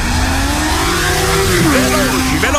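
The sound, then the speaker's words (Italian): MotoGP racing motorcycles scream past the finish line at high speed, their loud, high-revving engines rising and dropping in pitch as several bikes whoosh by in quick succession. “Stipendio mio arriva sul conto come le moto della MotoGP al traguardo. Passano.”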